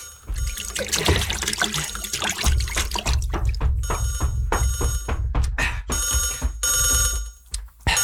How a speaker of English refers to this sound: Oh, Christ, the phone.